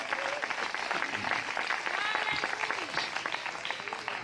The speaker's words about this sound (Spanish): Denle un fuerte aplauso al Señor en esta preciosa hora.